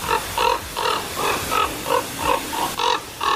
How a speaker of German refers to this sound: Ja, klingt nicht besonders schön. Mich stört das auch manchmal ein bisschen. Aber mein Vogel ist Vogel, ne? Und Natur ist Natur. Ich dachte jedenfalls, ganz klarer Fall, ist eine Saatkrähe. Und dann zeigte mir die App aber an, das ist der Kolkrabe.